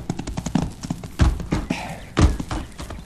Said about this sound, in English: All you're going to do is rein up your horse, climb off, and go with me.